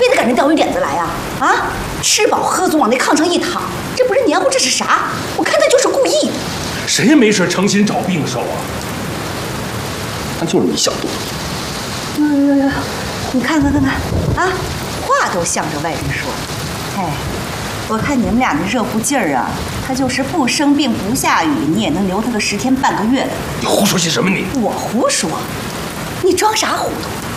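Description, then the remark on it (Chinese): Heavy rain pours steadily outside, a dense, continuous hiss that never lets up, while people talk over it in the foreground. “外边天下大雨呢，他还病着。”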